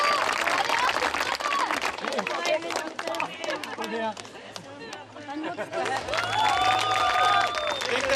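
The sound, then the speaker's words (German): A crowd applauds at an award ceremony with a steady, dense patter of clapping throughout, while voices chatter and call out over it; the cheering swells again toward the end. “ausgelassene Stimmung und viel Applaus bei der Siegerehrung.”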